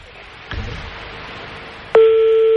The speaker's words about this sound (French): on est en train de composer le numéro de téléphone